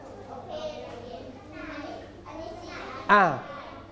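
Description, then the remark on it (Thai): A group of children in a class chatter noisily over one another in a steady, overlapping babble, with one sharp, high-pitched shout bursting out near the end. “กลุ่มนู้นยังเสียงดังอยู่เลย”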